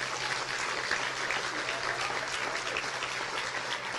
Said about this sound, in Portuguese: Aleluia. Glória a Deus. Você pode aplaudir a Deus?